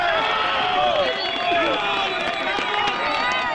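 A crowd applauds and cheers at once as rescue teams retrieve a woman who had been trapped for a day and a half after a magnitude 7.4 earthquake. Many voices shout over steady clapping, loud and continuous for a few seconds without letting up.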